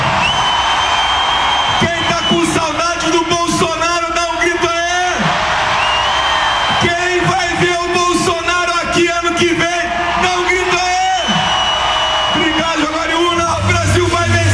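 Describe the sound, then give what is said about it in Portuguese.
A large crowd at a political campaign rally in Brazil roars with shouts, whoops and cheers in answer to a call for change, swelling in loud repeated waves with sustained chanting-like tones, densely from start to finish. “Quem quer mudança no Brasil, dá um grito aí.”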